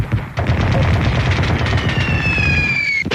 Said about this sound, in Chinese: 突然，窗外也响起了激烈的枪声，与收音机里的枪炮声混在了一起，让铁院长起疑。